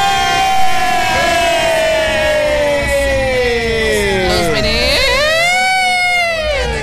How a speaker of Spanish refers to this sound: Escuche eso. Esa sirena de fondo